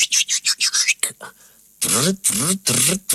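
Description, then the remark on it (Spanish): A rapid run of breathy, hissing bursts gives way to three loud, screechy seagull cries in quick succession, harsh with sweeping pitch. “Y una gaviota espía aparece acercándose rápidamente hacia ellos.”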